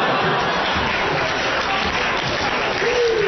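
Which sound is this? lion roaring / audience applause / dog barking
audience applause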